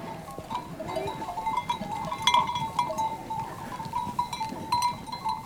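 A flock of sheep or goats on summer mountain pastures bleats continuously as a herder and her dog drive it back toward her cabin, many overlapping cries rising and falling over a steady rustling background, with a few sharper calls standing out.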